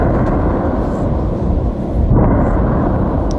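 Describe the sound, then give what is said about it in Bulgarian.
Heavy, continuous low rumbling from distant explosions at an ammunition depot of a military plant near Tryavna, shortly after 10:30 in the morning, rolling and echoing without a break and swelling slightly partway through. No voices are heard. “Малко след 10:30 сутринта се чуват взривове.”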